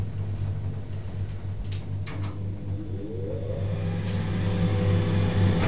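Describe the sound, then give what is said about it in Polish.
An elevator's ventilation fan, switched on inside an elevator riding to the third floor, runs steadily, a continuous airy whir over a deep low hum, with a faint rising motor whine joining partway through; no one speaks. “Wyłączę wentylator.”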